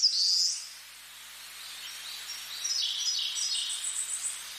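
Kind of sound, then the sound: bird, white tern calls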